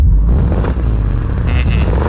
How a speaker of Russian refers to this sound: И если вы будете знать правильный ответ, вам нужно будет издать звук, подобный выхлопу BMW. Давайте послушаем, как он звучит.